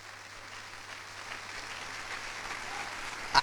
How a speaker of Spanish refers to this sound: Vamos a dar un fuerte aplauso a Jesucristo. ¡Aleluya!